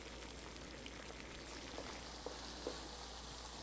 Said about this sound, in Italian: Pietro mette a cuocere in padella gli asparagi insieme alle cipolle